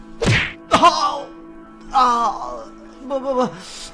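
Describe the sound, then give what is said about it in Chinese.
Two heavy punches from a burly man thud into a body in quick succession, followed by a man's strained, pained groans and grunts that rise and fade over the next few seconds. “壮汉又沉重的一拳落下。”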